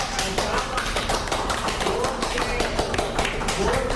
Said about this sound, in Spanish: Estamos en nuestro templo sagrado delante de varias personas. Aplaudamos todos de alegría y de felicidad.